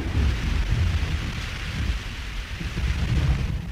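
Heavy, torrential rain pours steadily outside during a storm with a dense hiss, while a deep rumble of thunder rolls underneath throughout. The downpour stays loud and constant, with no voices present.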